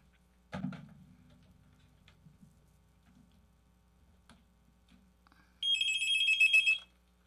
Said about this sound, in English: The phone rang.